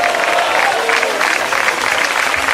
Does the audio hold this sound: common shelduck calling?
no